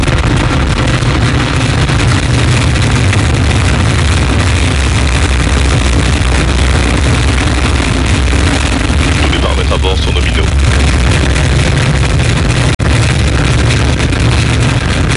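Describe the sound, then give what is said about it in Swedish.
Rocket liftoff after Vulcain engine and EAP booster ignition: a loud, steady, deep rumbling roar fills the whole stretch without letting up, while a voice is faintly audible beneath the noise. “Top, allumage EAP, décollage.”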